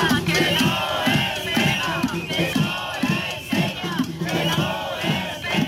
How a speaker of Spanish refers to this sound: Durante hora y media han hecho oír su voz frente a las dos puertas del complejo cinematográfico al grito de "no se pega" tras esa agresión por la espalda de una maestra frente a la Consellería de Educación.